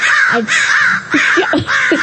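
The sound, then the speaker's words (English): A sound effect of harsh, raspy crow caws repeating in a quick series of about four calls, loud, with no voices. “So then I'm also scared of birds.”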